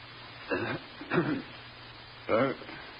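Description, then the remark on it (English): A butler gives a few soft, discreet coughs and throat clears, three short muffled bursts spaced apart over quiet background, fairly gentle. “his butler, tiptoes into the room, stands looking at his master's virile, calm face, then coughs discreetly.”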